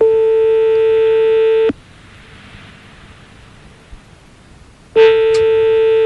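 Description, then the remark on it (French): A steady telephone ringback tone of an outgoing call to a petrol station in Lyon sounds twice, each a loud buzzy hum of about a second and a half, separated by a long pause of quiet line hiss. “Alors on va appeler sans plus tarder des pompes à essence”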